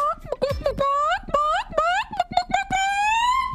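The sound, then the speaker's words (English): A person does a chicken call, imitating a chicken with a run of loud vocal clucks and warbling calls that swoop up and down in pitch, ending in a longer drawn-out squawk. “I think it was in Iowa, they were having a contest for chicken calling.”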